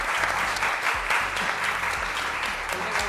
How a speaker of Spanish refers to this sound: Un aplauso también.